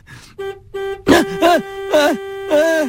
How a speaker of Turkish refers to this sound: Neden korna çalıyorlar ki? Trafik lambası yeşil yanmış.